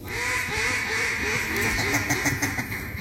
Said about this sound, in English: You got the duck call right.